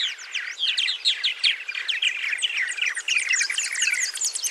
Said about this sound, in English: Purple martins nest in large colonies, leveraging their numbers to warn away and defend against predators.